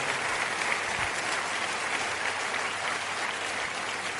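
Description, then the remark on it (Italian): An audience applauds steadily, a dense, even wash of many hands clapping at once that holds at a constant level for the whole stretch, with no voices standing out. “Io vedo veramente una platea bella, ricca, e fatevi un applauso perché rappresenta veramente l'Italia.”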